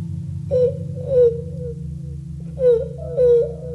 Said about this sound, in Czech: Tady pláče nějaký děcko.